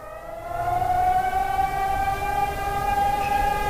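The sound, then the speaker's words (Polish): A modulated civil defense alarm siren in Radom, Poland, sounding during a drill to announce an alarm, wails with a steady, loud, tonal drone and rich harmonics, its pitch wavering slightly as it sounds continuously for a few seconds with no talking. “A konkretnie taki modulowany sygnał? To jest alarm jakiś. Ogłoszenie alarmu.”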